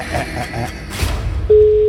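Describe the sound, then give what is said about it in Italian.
After a stretch of murky, busy background noise, the first ring of a steady single-pitch telephone ring tone cuts in abruptly near the end and holds, loud and clear. “Questo è già il primo squillo.”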